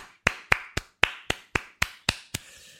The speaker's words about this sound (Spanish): Un aplauso. Bravo.